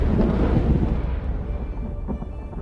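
A thunderstorm with a loud, deep rumble of thunder that rolls continuously and slowly fades, set against a steady wash of wind and rain noise, with no voices.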